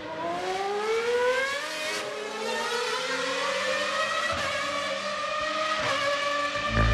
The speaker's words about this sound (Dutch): Want ik ben nog aan het genieten van de oude geluiden. Kijk, er komt weer eentje Ferrari. Oh. Ja, lekker hoor.